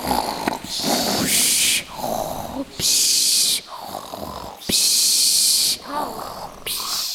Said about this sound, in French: les ronflements de papa-maman.